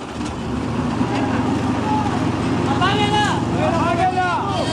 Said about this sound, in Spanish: Ahí apagaron un motor, ¿viste? Sí. Apagaron un motor, se escuchaba un motor y ya no se escucha más.